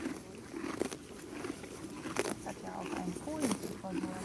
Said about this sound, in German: Und wenn du jetzt mal die Augen zumachst und einfach nur mal lauscht, was kannst du hören? Vögel. Die Vögel? Wie die Pferde das Gras abzupfen.